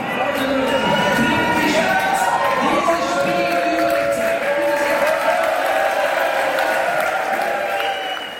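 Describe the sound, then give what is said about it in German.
Loud, sustained crowd applause and cheering in a hall where people watch Switzerland's World Cup match against Algeria, at the final whistle of the 2:0 win that puts Switzerland in the round of 16; clapping and excited voices blend into a continuous roar that holds steady before easing slightly at the end. “Und wo dann klar ist, als die Schweiz im Achtelfinal steht an der WM, dank dem 2:0, gibt es Applaus zum Schlusspfiff.”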